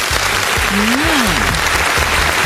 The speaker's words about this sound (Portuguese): Eu acho que a Rose merece palmas também. Palmas para a Rose.